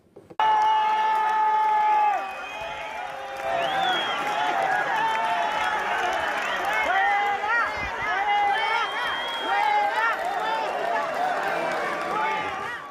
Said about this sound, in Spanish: Pues, ¿cómo la reciben en la ciudad autónoma? De esta forma. Gritos fuera, fuera, traidora, traidora, y ese tipo de cosas. Escuchemos.